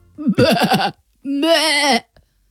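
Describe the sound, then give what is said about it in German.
A person imitates a bleating lamb with two wavering, nasal bleats, the first choppy and pulsing, the second a longer sustained quaver, fairly loud with a short pause between. “Also das ist ja ein Blöken.”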